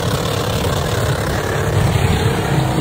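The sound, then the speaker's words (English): The engine of a Holden Commodore driven by an 86-year-old woman roars loudly and steadily through a tyre burnout, with a heavy low rumble under a constant hissing, rushing noise and no voices. “Just out some burnouts, Marto.”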